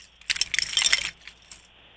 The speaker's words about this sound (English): All right. Here we go. I'm going to get my keys out.